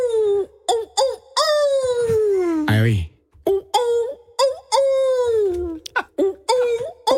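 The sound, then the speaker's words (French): Someone imitates a wolf howling: a few short yips lead into a long, loud howl that slides downward, followed by a run of brief, rising yelps. “Faites sortir le loup qui est à l'intérieur.”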